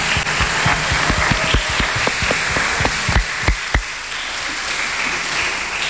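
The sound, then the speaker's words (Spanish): A crowd applauds loudly, with dense, steady clapping and a few sharper individual claps standing out over the first four seconds before the sound settles into an even wash of applause. The applause is for the vocational animators and seminarians who led a vocational gathering at a minor seminary. “Vamos a darles un fuerte aplauso también por su entrega, su visita, su testimonio.”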